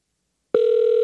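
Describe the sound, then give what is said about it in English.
A steady electronic ringing tone of an outgoing telephone call switches on abruptly halfway through and holds at an even level until the end, clear as if heard through a handset, with no voices. “But it's ringing, so the call's going through.”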